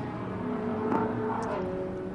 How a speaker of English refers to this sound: Safety car one coming through turn eight at the moment.